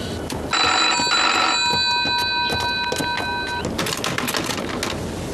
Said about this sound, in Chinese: 喂，接二团，电话没人接